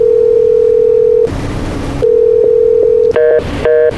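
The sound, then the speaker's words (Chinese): A telephone busy signal on a call to Manager Song, who does not answer: a loud, steady electronic tone on the line, interrupted by a burst of noise, then resuming before breaking into short chirping pulses. No one speaks. “哎，宋经理就不接电话， 忙音儿。”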